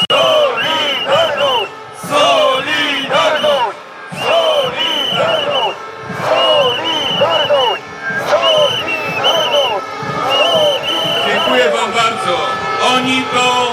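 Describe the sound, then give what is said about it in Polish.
A large crowd of protesters outside the Sejm chants "Solidarność!" in loud, rhythmic unison, the same phrase repeated over and over with brief dips between repetitions. “Dlatego pozdrawiamy i krzyczymy głośno: Solidarność! Solidarność! Solidarność!”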